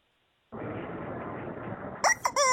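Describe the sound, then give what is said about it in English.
A steady stretch of rustling, hissy noise, then a chicken lets out a few short, sharp clucks and squawks near the end. “Chicken, come over here. Chicken.”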